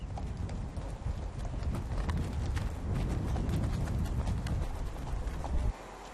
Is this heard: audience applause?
no